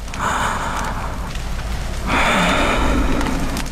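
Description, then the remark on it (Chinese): Heavy, laboured breathing of an old man with a high fever, half unconscious: a long rasping breath followed by a second, louder one, slow and effortful, with no talking. “时间一分一秒过去，老人沉重的呼吸声渐渐变得平稳，额头那烫手的温度也开始一点点消退。”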